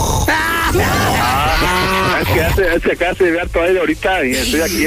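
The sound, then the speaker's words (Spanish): A cow moos in long, wavering, drawn-out calls, loud and strongly tonal, while people talk over and between the moos. “Oye, ¿estás pastando o algo así”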